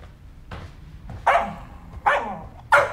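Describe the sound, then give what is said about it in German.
A dog barks, three sharp, loud barks spaced under a second apart, preceded by a softer yip, with no voices around it. “was ist dann mit dem Krawallköter?”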